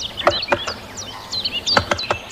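A great spotted woodpecker taps on wood, using a tree fork as an anvil to crack open a nut: about six sharp, dry knocks in two loose groups, irregularly spaced, with high, thin bird chirps twittering throughout.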